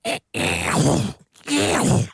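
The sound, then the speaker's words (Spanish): A voice imitates a ratchet wrench tool (a 'chicharra') with buzzy, rasping vocal bursts: one short burst, then two longer grinding stretches split by a brief pause, fairly loud and rough. “Espérate, si usted no sabe cómo suena la chicharra.”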